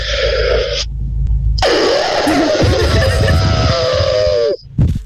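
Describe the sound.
A person imitates an elephant with a loud, drawn-out trumpeting blast lasting about three seconds, preceded by a short breathy burst.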